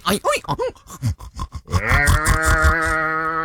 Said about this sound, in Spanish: Los marranos gruñendo y peleándose por una cubeta.